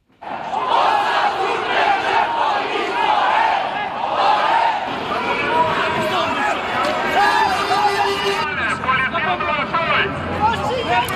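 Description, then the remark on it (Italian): A loud, chaotic crowd clash with police during protests in Albania against a luxury resort project along the coast and on Sazan island: many voices shouting and yelling over each other continuously, with sharp cries rising above the roar and a harsh mechanical tone near the end. “Questi i suoni delle ultime proteste, degenerate come è spesso già successo in scontri con la polizia.”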